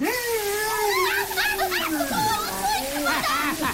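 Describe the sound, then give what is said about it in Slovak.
Steady spraying and splashing water hisses throughout as an elephant showers others with water, partly covered by excited, high-pitched voices calling out over it. “Dobrá sprcha ešte nikomu neublížila.”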